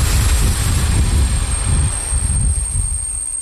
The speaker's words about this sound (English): A small diesel train brought me to the town of Mikulov, on the Czech-Austrian border in the southeast of the country.